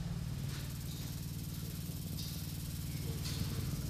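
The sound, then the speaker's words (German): A steady, low mechanical hum with a buzzing, rattling edge from continuously vibrating sculptures runs without pause, joined now and then by soft hissy swells higher up. “Und diese Skulpturen vibrieren fortwährend. Das müssen wir uns auch mal anhören und näher rangehen.”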